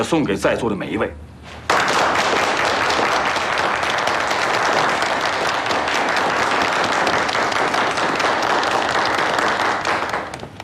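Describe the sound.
A voice speaks briefly, then a room full of people bursts into loud, sustained applause: dense, steady clapping that lasts several seconds before starting to fade at the end.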